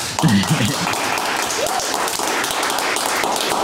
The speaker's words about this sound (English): Welcome to the show. Big round of applause.